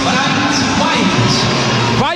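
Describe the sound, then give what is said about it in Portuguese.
A dense, continuous stadium crowd roar with scattered low, drawn-out boos running through it, loud and steady for about two seconds, as player Bright White, number 22, is announced as a substitute. “Vaias para Bright White. Poucas, mas tiveram vaias.”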